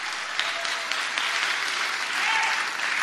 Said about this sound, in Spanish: ¿Cuántos alaban al Señor en esta hora? Dele fuerte ese aplauso al Cristo de la gloria.